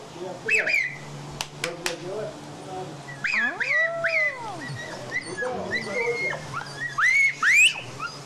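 Sharp whistles ring out, followed by several dogs whining and howling in rising, wavering cries, with short yelps mixed in and a low hum underneath; the dogs come in response to the whistling, and the commotion is outside.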